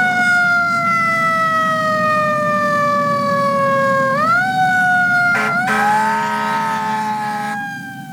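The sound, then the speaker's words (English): A loud ambulance siren wails in slow rising and falling sweeps over a steady low engine rumble, with no voices, fading slightly at the end. “Somebody call an ambulance! 911! 911!”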